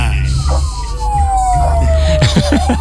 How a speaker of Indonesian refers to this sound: Suaranya kombinasi sirine ya, Mbak. Wah, luar biasa sekali, karena skalanya kayaknya insidennya cukup besar ya, kawan.